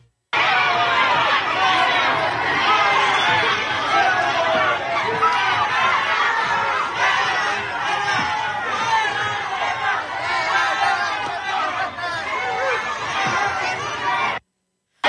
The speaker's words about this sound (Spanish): Al grito de fuera, bueno, pues trataban de decirle a Andy López Beltrán que no era bienvenido y uno pudiera pensar, bueno, pues en el aeropuerto de Chihuahua seguramente había mucha gente que no simpatiza con Morena.